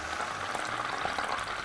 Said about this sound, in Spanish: A ver, cuando tú fríes un calamar, el calamar no desprende humedad